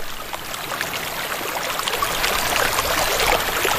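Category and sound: nature, flowing stream water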